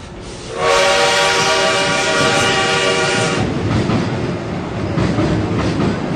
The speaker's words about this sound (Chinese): 一觉醒来，火车已经到了定州。